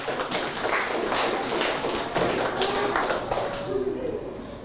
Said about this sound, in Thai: ให้หนึ่งยิ้มเอาปรบมือให้เพื่อนหน่อยเร็ว